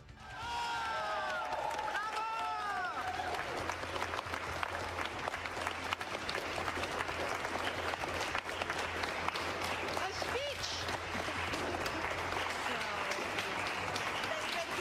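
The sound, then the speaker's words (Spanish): Sustained audience applause for the Nobel Peace Prize winner, a dense wash of clapping from a large crowd that swells in and holds steady, with brief voices audible at the start. “Si aplauden un poco más, puede que comparta el premio con Trump.”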